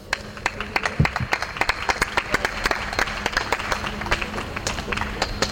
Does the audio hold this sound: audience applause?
yes